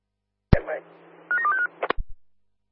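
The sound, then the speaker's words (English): A quick run of four or five telephone keypad dialing tones, moderately loud, framed by sharp clicks at the start and end over a faint low hum. “Not getting any comms from you. I'll give you a phone call.”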